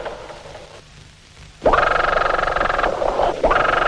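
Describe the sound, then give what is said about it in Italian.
Underwater grunts from schools of grunt fish, picked up as hydrophone signals: after a hushed start, loud, harsh, buzzing croaks sound in a dense stream, with brief dips between bursts. No one speaks. “Non vi preoccupate dei segnali idrofonici anomali, tali suoni sono prodotti da banchi di pesci chiamati grugnitori.”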